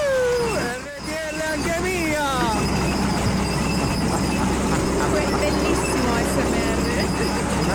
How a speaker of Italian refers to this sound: ASMR, sì. Da un trattore cingolato. Bellissimo. Perfetto.